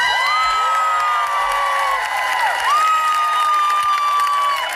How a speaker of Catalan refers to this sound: I així ho anunciava, com de fet ha fet durant tots aquests dies, com a portaveu la dona de Saif Abu-Keshek, anunciant aquesta multitud que es concentrava i que rebia amb aquesta alegria aquest anunci d'alliberament.